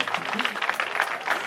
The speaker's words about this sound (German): Und das ist Ihr Applaus.